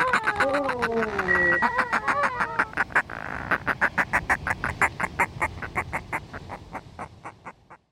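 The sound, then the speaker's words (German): A common kingfisher calling: a few drawn-out whistled notes give way to a fast, steady series of sharp, piercing peeps that fade at the end, with no voices. “Das war Rudi Guricht mit dem Eisvogel.”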